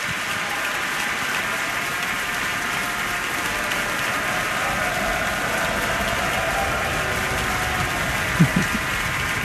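Sustained applause, a standing ovation from a large audience at a Minnesota Orchestra concert for a retiring orchestra member of 29 years: a dense, steady wash of clapping that holds at an even loudness throughout, with a couple of brief louder claps or shouts near the end.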